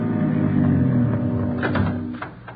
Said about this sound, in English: He went to a cottage at the rear of the lot, let himself in, and closed the door quickly behind him.